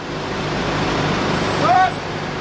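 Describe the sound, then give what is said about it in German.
A convoy of about 20 heavy military trucks rumbles steadily during an army exercise in the Schwalm-Eder district of northern Hesse, Germany, halting near Fritzlar: a deep continuous engine drone with a brief high brake squeal near the end. “Rund 20 Militärlaster rollen an.”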